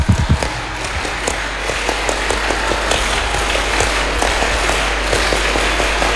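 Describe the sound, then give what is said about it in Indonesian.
A group dressed in scout uniforms claps the Indonesian scout clap (tepuk pramuka) twice, a dense, sharp patter of many hands in a patterned rhythm that keeps going steadily for several seconds with no voices. “Dua kali tepuk pramuka.”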